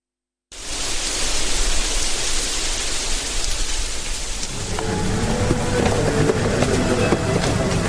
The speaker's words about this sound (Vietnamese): Nhà bia tưởng niệm đơn vị tình báo T-65 Bộ Công an nằm yên bình bên bờ sông Thạch Hãn, thôn Như Lệ, xã Hải Lệ, thị xã Quảng Trị, nay là phường Quảng Trị, tỉnh Quảng Trị. Từng cơn gió mát dưới lòng sông Thạch Hãn thổi tới